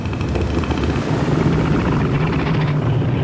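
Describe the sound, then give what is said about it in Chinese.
A male northern elephant seal, inflating its huge nose, calls with a loud, deep, throbbing roar, rapid rhythmic pulses running steadily for about three seconds with no one talking. “雄性北象海豹的叫声各不相同，便于互相识别。”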